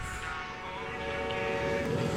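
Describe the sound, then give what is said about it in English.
A train rumbles past, a steady, loud mechanical roar with sustained tonal whining that swells slightly as it goes. No one speaks. “Train went by and it exploded.”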